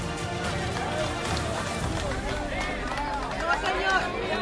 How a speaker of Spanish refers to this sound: Los aplausos que escuchamos son los de Dian, los de la comunidad, viendo cómo Diana ya es sacada de los escombros